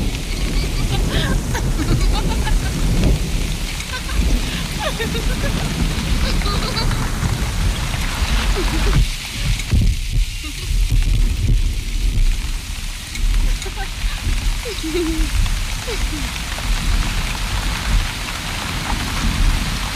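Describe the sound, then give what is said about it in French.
Steady, heavy rain pours down, a dense continuous hiss of drops pattering on surfaces that holds at an even loudness throughout, with no voices heard. “Ne restez pas sous la pluie, vous allez prendre froid.”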